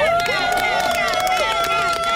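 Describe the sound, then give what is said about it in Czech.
A loud, continuous crowd roar with scattered claps and sustained cheering voices for new world champion Tereza Kneblová, the noise staying dense and steady throughout without pause. “Teďka vlastně můžeme slyšet tady tleskání a všichni jsou nadšení.”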